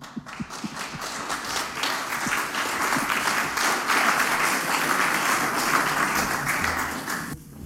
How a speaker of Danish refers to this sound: Ja, tak for applaus. Jeg altid glad for, at I klapper, inden jeg går i gang, så har jeg fået min applaus.